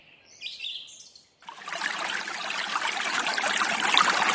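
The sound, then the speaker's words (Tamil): A few bright bird chirps are heard briefly, then steady rushing flowing water at a bathing spot cuts in and keeps going, a dense hiss that swells slightly louder toward the end. No one speaks. “அங்க உள்ள போகாதம்மா, தண்ணி நிறைய ஆழமா இருக்க மாட்டேங்குது, உள்ள போனா உள்ள இழுத்துற போகுது, இப்படி ஓரமா வந்து குளிமா.”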